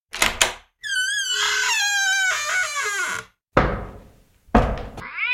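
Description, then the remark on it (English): A cat let into a vinyl record vault lets out a long, loud, wavering high-pitched screech lasting a few seconds, with heavy thuds and bangs before it and after it. No one speaks. “He thought I might have rats down here and suggested I let the cat in.”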